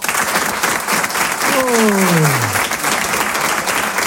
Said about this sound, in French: Alors moi j'aime bien savoir à qui je parle, à qui je m'adresse. Je propose qu'on fasse connaissance en moins de 30 secondes. Applaudissez pour voir ceux qui habitent sur Paris.